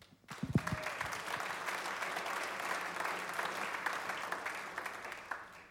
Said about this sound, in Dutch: Iedereen krijgt een applaus en terecht.